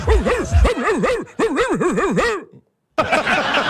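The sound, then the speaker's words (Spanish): A person imitates a dog with a quick string of yapping, yelping barks, loud, for a couple of seconds before a brief pause and a burst of noisy rustling. “Una ¿a qué? Foca. Y un perro.”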